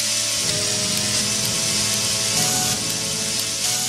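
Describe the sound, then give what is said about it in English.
Chainsaws play a song together, their loud, raspy engine drones held at different pitches and shifting from note to note in a continuous buzzing chorus with no voices. “it sounds great even when played by an orchestra of chainsaws, as you're hearing right now.”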